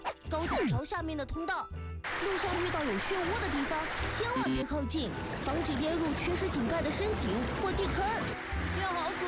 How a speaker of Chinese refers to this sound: 雨天要尽量避免在流水中行走，超过15公分的流水就能使人绊倒。